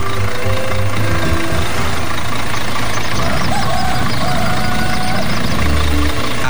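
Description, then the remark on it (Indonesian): An open-bed truck's engine idles steadily, ready to carry passengers, a low rumbling drone with a faint knocking texture that continues throughout without any clear change in pace. “Uniknya lagi, kendaraan yang dipilih bukan mobil mewah, melainkan sebuah truk dengan bak terbuka yang siap mengangkut para penumpang, lengkap dengan cerita, tawa, dan tentu saja gosip yang akan mengiringi perjalanan sepanjang jalan.”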